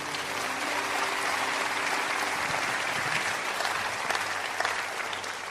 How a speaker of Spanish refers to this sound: Denle un aplauso a Dios.